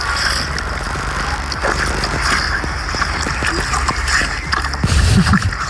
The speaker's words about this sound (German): Der hat natürlich angefangen dann zu schmatzen, als die Bettina um die Ecke kam mit eisgekühlten Wassermelonen.